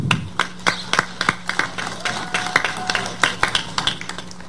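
Scattered audience applause, a steady patter of individual sharp claps at a moderate level, fairly sparse rather than a dense roar, continuing evenly for several seconds.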